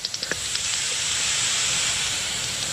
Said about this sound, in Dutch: Hoort van die kleine natte plopjes. En dat is dan de dwergvleermuis. En als die harde geluid maakt, dan is het inderdaad... Ja, die op 50 hertz binnenkomt is de gewone dwergvleermuis.